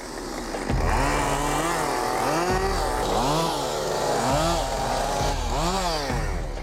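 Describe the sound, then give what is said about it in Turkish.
A chainsaw runs loud, its engine revving up and down repeatedly as it bites into wood while pruning a tree's branches, with no pauses and no voices over the steady mechanical roar. “Hadi dallarını budayalım.”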